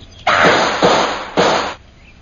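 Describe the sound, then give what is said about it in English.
Three loud gunshots in quick succession, each a sharp crack followed by a burst of ringing noise that blurs into the next, with no voices. “Hold your fire, Ronnie. You've got him.”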